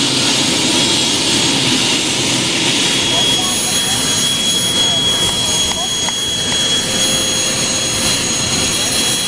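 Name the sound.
jet engine roar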